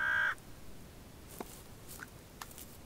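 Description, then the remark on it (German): Crows and ravens call outdoors at the carcass of a dead chamois: one loud, harsh caw right at the start, then a few brief, fainter croaks and knocks scattered over a quiet background. “Die verendete Gemse sichert ihm, wie den Krähen und Raben, das Überleben.”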